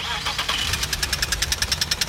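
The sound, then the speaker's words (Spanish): A car engine knocks with a rapid, regular metallic ticking over a low idling rumble, fairly loud, running steadily for a couple of seconds with no talking. “Si tu auto hace este ruido,”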